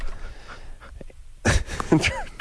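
A loud, breathy four-stage yawn into the microphone, stretching through several wavering, rising and falling stages after a brief quiet start.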